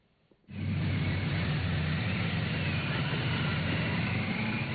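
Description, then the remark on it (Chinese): A motorcade of ceremonial cars carrying July 1 Medal recipients, escorted by a ceremonial motorcycle team, drives from their lodgings to the Great Hall of the People at about 9 a.m. It makes a loud, steady engine drone with a low humming rumble that kicks in abruptly and holds for several seconds, with no voices. “上午9时许，七一勋章获得者集体乘坐礼宾车从驻地出发，由礼宾摩托车队护卫前往人民大会堂。”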